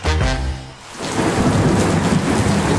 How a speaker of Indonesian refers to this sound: Eh, hujan lagi. Akhir-akhir ini hujan tiap hari ya. Iya, udah mulai musim hujan nih.